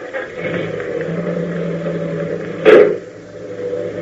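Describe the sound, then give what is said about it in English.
A car engine drones steadily at moderate volume as the vehicle pulls away, with a brief louder surge near the end before the hum settles again. No voices. “I thought I heard the car leave.”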